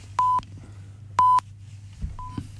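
A mobile phone in a radio studio gives two loud, identical electronic beeps about a second apart, then a fainter third beep, over a low steady hum with no talking.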